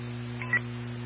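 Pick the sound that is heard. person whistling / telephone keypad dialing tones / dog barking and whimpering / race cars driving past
telephone keypad dialing tones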